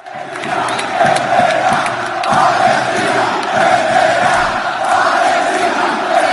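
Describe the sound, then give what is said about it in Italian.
Rayo Vallecano football fans chant together in a stadium, celebrating a home semifinal win over Strasbourg with a chant repeating "Palestine will win", a dense wall of many voices rising and falling in steady swells, loud and continuous throughout with no single speaker standing out. “Al termine della semifinale casalinga contro lo Strasburgo, i tifosi del Rayo Vallecano, i Bucaneros, hanno scelto di festeggiare la vittoria con una bandiera palestinese stesa sul prato e con un coro che ha ripetuto «Palestina vincerà».”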